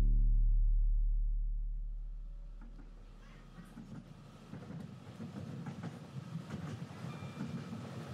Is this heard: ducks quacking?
no